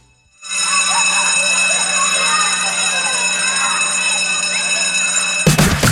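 An electric school bell rings loudly and continuously for about five seconds, a steady metallic clatter with a bright buzzing tone, then cuts off abruptly.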